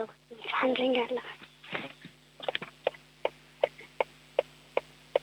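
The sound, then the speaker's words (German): A stationary car's hazard warning lights tick steadily, a crisp, evenly spaced click-clack repeating about twice per second, after a brief stretch of talking at the start. “Und wie wär's mit der Warnblinkanlage?”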